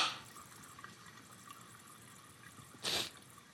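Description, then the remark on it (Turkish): Water runs quietly and steadily, with faint trickling and dripping, and a short louder splash near the end, as beans are washed with soap under a tap. No one speaks. “Fasulyeyi sabunla mı yıkıyorsun siz?”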